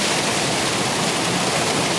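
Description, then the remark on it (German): Rushing water of the Unterberggraben, a mountain stream that feeds a power plant in summer: a steady, dense roar of flowing water that stays constant throughout, with no voices. “Das ist das Wasser hier.”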